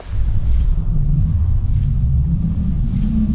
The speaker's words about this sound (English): It's got a watery quality to it, but you don't hear specific bubbles or anything like that. And what is the sound? What is the actual sound? Oh God, I don't remember. This is one of those ones where it's just radically processed.